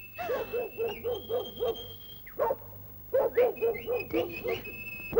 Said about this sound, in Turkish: Bencil köpeğim, hav hav hav, sana mama vereyim.